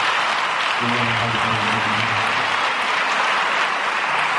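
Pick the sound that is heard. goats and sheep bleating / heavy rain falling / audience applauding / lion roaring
audience applauding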